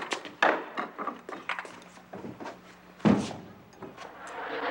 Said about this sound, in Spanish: ¿me abres la puerta, por favor? Ah, sí.